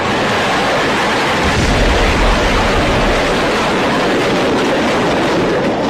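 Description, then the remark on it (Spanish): Hundreds of rockets, firecrackers and other fireworks loaded in a demon-head figure at a festival go off out of control: a loud, dense barrage crackling and bursting nonstop, merging into a continuous roaring rumble with no pauses and no voices. “Esta cabeza demoníaca era la que estaba cargada con cientos de cohetes, petardos, palomitas y todo tipo de fuegos artificiales que debían activarse poco a poco a manera de entretenimiento.”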